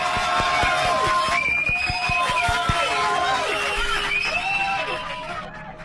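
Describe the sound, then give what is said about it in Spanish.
Loud, sustained applause from an audience welcoming neurologist Dr. Frank Villarreal as a guest on Radio María's program Dosis de Confianza, dense clapping mixed with cheers and whistles, continuing for several seconds before tapering off at the end. “Recibámoslo con un gran aplauso.”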